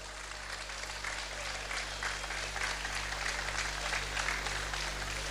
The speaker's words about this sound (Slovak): Poprosím veľký potlesk pre nich všetkých.